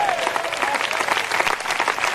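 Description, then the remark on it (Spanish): An audience claps together in sustained, dense applause to the Lord, many hands clapping at once throughout, steady in loudness, with faint voices mixed into the clatter. “Dale un fuerte aplauso al Señor en esta hora.”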